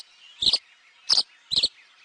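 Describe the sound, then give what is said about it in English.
Tree swallows give three short, bright chirping calls, spaced unevenly about half a second apart, clear over a faint, steady background hiss with no talking. “It's a wistful moment when your backyard swallows or bluebirds depart each fall, like the tree swallows we're hearing now.”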